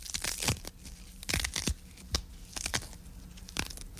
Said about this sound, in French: Alors, c'est parti, mes feuilles de basilic. Donc je prends mes feuilles de basilic que je vais déchirer à la main. Et que je vais mettre dans mon mortier.